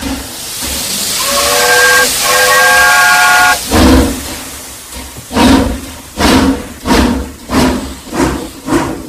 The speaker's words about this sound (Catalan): Exactament, el tren. L'aparició del ferrocarril durant la primera meitat del segle XIX va ser determinant.